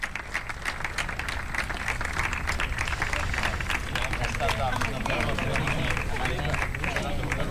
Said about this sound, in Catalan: I ara fotografia de grup a tots els membres de l'organització, ajuntament, consistori, jugadores, i fort aplaudiment per elles.